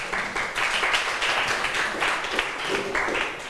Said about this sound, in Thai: เก่งมากปรบมือให้เพื่อนหน่อยค่ะ